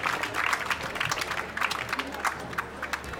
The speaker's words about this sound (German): Ja, aus Villach. Aus Villach sind Gäste da. Applaus aus Villach. Willkommen, willkommen.